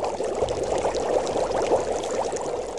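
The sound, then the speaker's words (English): A steady, dense bubbling and sizzling of a big pot of oil on a fire, fairly loud, continuous for the whole few seconds with no voices. “He always kept his big pot on the fire, bubbling with oil.”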